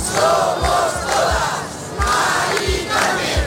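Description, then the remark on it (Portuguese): A large crowd of about 20,000 marchers in Madrid, on a route from the Puerta del Sol, chants slogans in unison, voices rising and falling in a steady rhythmic cadence with regular low thumps marking the beat, loud and continuous throughout. “Percurso comovente, quase sempre em silêncio, mas com espaço para gritos de ordem.”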